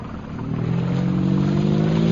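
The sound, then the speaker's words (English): Bomber aircraft engines rev up as the planes take off, a deep, droning hum that swells steadily louder, their low tones climbing slightly in pitch. No voices are heard. “There go the bombers, sir.”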